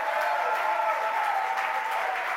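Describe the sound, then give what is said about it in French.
An audience applauding the Lord Jesus at a morning church service, a steady wash of clapping at even loudness from start to finish, with faint voices mixed in beneath it. “Est-ce qu'on peut applaudir le Seigneur Jésus ce matin?”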